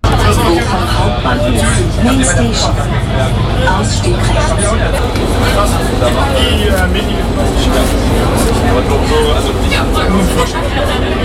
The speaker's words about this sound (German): Angekommen am Bochumer Hauptbahnhof. Ein bisschen erleichtert steige ich aus der U-Bahn aus.